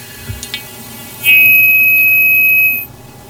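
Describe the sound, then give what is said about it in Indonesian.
A steady electronic tone switches on after a few soft clicks and holds at an even, fairly loud level for about a second and a half before cutting off, like a phone line going dead. “Anda sudah terhubung dengan siapa di mana? Oke, terputus.”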